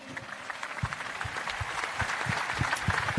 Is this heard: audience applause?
yes